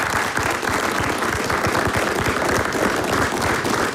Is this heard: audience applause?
yes